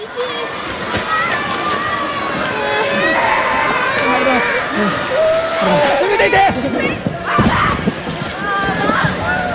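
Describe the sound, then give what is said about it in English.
Loud shaking of a powerful 6.8 magnitude earthquake on the island of Kyushu: a continuous chaotic rumble and rattle with water sloshing, while frightened residents cry out and shout in alarm throughout. “This is the moment when the powerful earthquake hit.”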